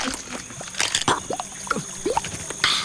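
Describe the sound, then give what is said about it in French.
A Hylonomus, an insectivorous reptile about 20 cm long with brownish scales, crunches an insect: a run of irregular, crisp, wet-sounding crackles and clicks, with a few louder bursts of crunching over nearly three seconds and no voices. “Oh, il vient de croquer une bestiole.”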